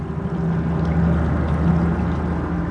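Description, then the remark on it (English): A steady, continuous rush of flowing water from the river by the town of Aksai, fairly loud, with a deep low rumble underneath and no voices. “Here by Aksai's river, everything is green.”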